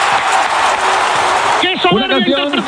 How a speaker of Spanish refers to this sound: ovación.